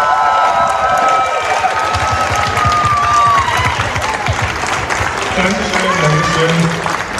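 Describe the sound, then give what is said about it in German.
Sustained audience applause in Nuremberg for the Queertreff-Container, given a special mention by the jury: a dense, steady wash of clapping at full loudness, with scattered cheers and whoops rising over it throughout. “Bitte schön, einen großen Applaus.”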